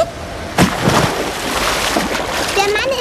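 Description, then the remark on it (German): A loud splash as someone in swim trunks jumps into water, followed by churning, bubbling water and a faint whistling tone, with no talking. “Da will ich doch gleich mal reinspringen.”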